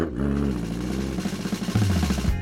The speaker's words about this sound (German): Lächelnd ließ sie den Rasenmäher an und der Motor begann kraftvoll zu surren.